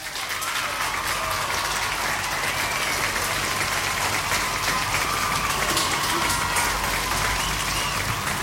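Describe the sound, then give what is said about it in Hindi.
Sustained applause from a crowd, a dense steady wash of many hands clapping at an even loudness for several seconds, with no voices speaking over it. “उन्होंने भी सही जवाब दिया है, तो बाकी सब ने बिल्कुल सही जवाब दिया, इसलिए आपके लिए यहाँ पे भाई स्पेशली बजेंगी तालियाँ.”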